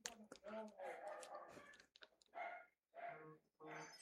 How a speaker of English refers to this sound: I hear the dog. Somebody's at my front door.